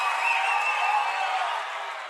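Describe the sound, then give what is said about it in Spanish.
A steady wash of audience applause fills the whole moment, dense and fairly loud, with faint cheering mixed in and a slight fade toward the end. “Un fuerte aplauso para Kea.”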